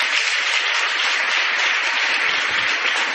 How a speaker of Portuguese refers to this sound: As nossas autoridades, uma calorosa salva de palmas.